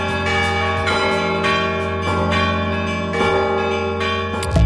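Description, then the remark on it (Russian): Church bells with bas-reliefs, at the men's monastery at Ganina Yama, ring loudly and steadily, struck about once a second, each clang blending into long, shimmering overtones that never fully fade. No voices are heard. “В итоге Александр Новиков передал колокола с барельефами мужскому монастырю на Ганиной яме.”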